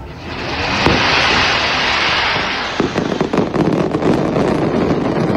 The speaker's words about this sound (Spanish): se ha celebrado la tradicional Lid del Alba con el disparo de la Gran Palmera y la guerra posterior de carretillas, que nos deja 12 heridos, todos leves